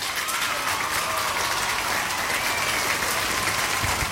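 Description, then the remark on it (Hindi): Steady, dense applause fills the whole stretch, many hands clapping at once in a continuous wash of sound, fairly loud, with no voices over it; the applause is for everyone who correctly answered 'Sweden' to a quiz question. “तो सब ने बिल्कुल सही जवाब लिखा है स्वीडन, तो तालियां बजेंगी भाई।”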